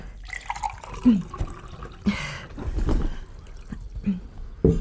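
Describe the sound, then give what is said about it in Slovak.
Water splashes and trickles in short, uneven bursts, fairly quiet, like liquid being poured into a glass, with a few faint clinks and rustles around it. “Chcete vodu?”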